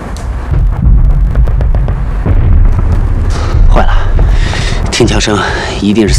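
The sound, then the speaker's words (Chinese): Gunfire from a fight with Japanese soldiers pops in scattered, irregular bursts over a steady low rumble, with heavier booming in places; a voice briefly cuts in near the end. “听枪声，一定是三哥他们和鬼子干上了。”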